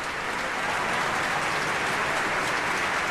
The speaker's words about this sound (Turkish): Evet, orkestra üyelerini alkışlıyor salondaki seyirci.